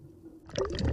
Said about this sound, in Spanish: toma muestras de agua que luego analizará en el laboratorio.